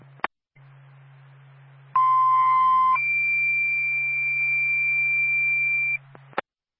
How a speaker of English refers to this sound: Going with second tone times 12.8. Twin State, the Barnett Fire Department, stand by for second tone.